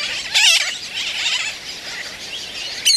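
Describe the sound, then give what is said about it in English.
A dense, continuous din of calls from a colony of black and white terns nesting on the sand of a tiny island in Florida, with sharper, wavering shrieks rising above the chorus near the start and again at the end. No voices. “The colony resounds with their calls.”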